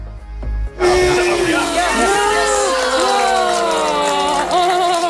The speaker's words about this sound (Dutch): Applaus toen iedereen zat.